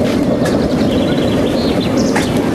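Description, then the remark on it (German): A roller coaster train carrying a group of teenagers rolls off with a steady, loud low rumble that fills the whole moment, while faint high squeaks or chirps flicker above it. “Sie mussten noch warten, bis eine Gruppe Jugendlicher vor ihnen abgefahren war.”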